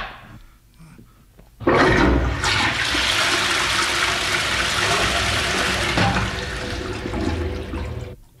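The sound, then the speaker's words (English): After a brief quiet moment, a toilet flushes as a sound effect with a sudden loud rush of water that keeps roaring steadily for several seconds before starting to fade. “Now, this song was requested that it be flushed by my co-presenter here.”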